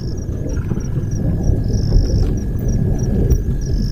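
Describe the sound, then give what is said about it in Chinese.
A deep, steady rumble of rolling thunder from a storm brewing on the horizon fills the background, while insects or birds keep up high, repeated chirping above it. “随着他的归来，天际已经酝酿着暴风雨的气息。”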